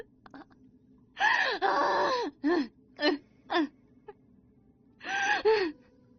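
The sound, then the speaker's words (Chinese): Soft whimpering sobs come from behind in a handful of breathy, shaky bursts: a long wavering cry, then short catching gasps, a pause, and one more sob at the end. No one speaks. “背后传来嘤嘤的哭声”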